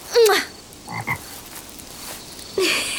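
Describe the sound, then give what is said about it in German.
A toad with heart-shaped pupils croaks after being kissed, in short, rasping calls: one at the start, a pair of softer croaks in the middle, and another near the end, with no talking. “Es scheint der Kröte gefallen zu haben.”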